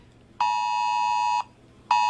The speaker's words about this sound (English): It's a horrible sound, isn't it? It's effective. It does what it's meant to do. This is a test emergency mobile alert from Civil Defence.